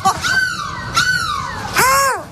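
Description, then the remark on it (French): A person imitates a seagull with three loud, wailing cries, each starting high and sliding downward in a harmonic-rich screech, repeated in quick succession, live on the Énergie radio morning show from Lille. “Mais laisse-moi tranquille, je fais la mouette que je veux.”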